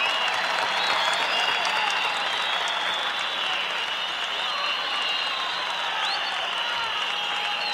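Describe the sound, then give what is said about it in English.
Sustained applause from a large audience for a symphony salsa orchestra, a dense, steady wash of clapping that holds at an even, fairly loud level for several seconds without pause. “Ladies and gentlemen, the orchestra, a round of applause for a true symphony salsa orchestra.”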